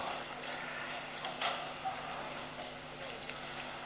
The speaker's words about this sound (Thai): มาโอ้เรือมาแล้วเรือมากี่วันแล้วเรือนี่โอ้ดีดี